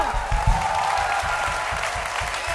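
An audience claps steadily throughout, a dense, continuous patter of many hands at a fairly loud, even level, with a faint tonal hum running underneath and no one speaking.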